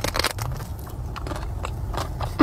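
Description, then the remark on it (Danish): Biting and chewing of soft whipped-cream cakes by an influencer sitting in her car with six cakes, eating them bite by bite, with moist squishy mouth sounds and a few light crackles from the crust, steady with no talking. “Og så ser man hende ellers bare gå ombord i de her flødeskumskager bid for bid.”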